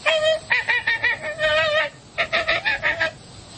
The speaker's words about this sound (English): And the American Flamingo.